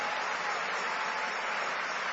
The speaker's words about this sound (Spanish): Y denle un aplauso al Rey de Reyes y al Señor de Señores.